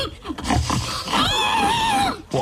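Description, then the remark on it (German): A person imitates a pig at a pig-calling competition at an agricultural fair in Estonia, with a few short snorting grunts followed by a long, wavering high-pitched squeal, then a brief grunt at the end. “Da haben Leute aus Spaß Schweine nachgemacht.”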